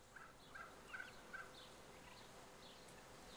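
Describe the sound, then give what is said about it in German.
A turkey brood hen in Köhlau, luring her chicks out, clucks softly, four short evenly spaced clucks in quick succession, followed by fainter, higher chirping calls over a steady low background hiss. “Die erste Aufregung hat sich bei allen Puten gelegt.”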